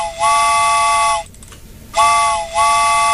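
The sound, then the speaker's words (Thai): A loud train whistle blows as a train arrives, in two long blasts with a brief gap between, each a steady, rich multi-tone chord, followed by a short third toot; no one speaks. “มาแล้วมาแล้วชั่วโมงที่2ค่ะและรถไฟก็มาแล้วเช่นเดียวกัน”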